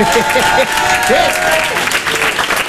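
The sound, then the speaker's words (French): Loud, sustained applause from a large crowd of people who grew up in the 1990s, answering a call to applaud, fills the whole stretch, a dense wash of clapping with scattered shouts and whoops rising over it. “D'ailleurs, il y en a, s'il y en a qui ont connu un peu cette période des années 90, qui ont grandi dans les années 90, foutez le bordel un peu, applaudissez qu'on vous entende.”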